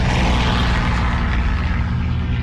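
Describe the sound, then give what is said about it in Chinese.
A loud, steady roar of aircraft engines fills the air, a deep droning rumble with propeller throb that holds constant throughout, as planes pass overhead above Yan'an, China, on the morning of 20 November 1938, during the first Japanese air raid on the city. No voices are heard. “1938年11月20日，这天清晨，延安上空突然响起飞机的轰鸣声”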